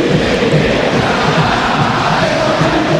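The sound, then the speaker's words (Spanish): A large stadium crowd at the Monumental roars and cheers for Vélez as the players spread onto the pitch, a dense, steady wall of sound, loud and sustained throughout without pauses or a clear rhythm. “El grito para los Barros Echeloto.”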